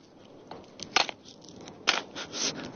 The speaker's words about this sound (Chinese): 用这个锄头锄地，我就像人家健身房里面拿锤子砸轮胎是差不多一个道理。练肺活量，练耐力，练臂力。